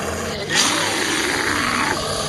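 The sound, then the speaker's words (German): A bear growls in a single deep, rough roar lasting over a second, loud, with a breathy, rasping texture and no voices. “Das Bärenknurren noch im Ohr betrete ich die Kirche.”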